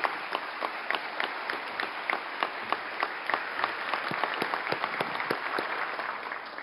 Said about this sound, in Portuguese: Uma salva de palmas, por gentileza, à nossa banda.